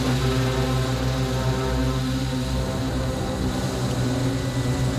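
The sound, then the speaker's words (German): A steady, loud drone of a rescue helicopter's running turbine engine and rotor with a low rhythmic throb, continuous and unbroken with no voices, as it sets out on a mission toward the Alpspitz. “Also in dem Moment, wo ich mit einsteige in den Hubschrauber und halt spontan doch noch mit rausgehe, kann ich die Einsatzleitung mit weitermachen, gebe die dann ab und gehe dann mit raus in den Einsatz.”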